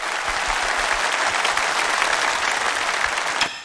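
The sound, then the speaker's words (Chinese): A large audience at a Chinese singing competition claps steadily and loudly, a dense, continuous wash of applause welcoming the fourth-ranked contestant of the pop singing round to the stage, with no speech over it. “首先让我们有请排名第四的选手，掌声欢迎。”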